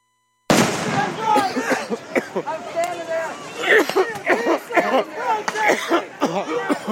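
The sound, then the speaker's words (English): A few sharp, cracking pops of rubber bullets being fired onto a crowd for a second time ring out at irregular intervals over a loud, agitated crowd of shouting voices that continues throughout. “Fired onto the crowd for a second time.”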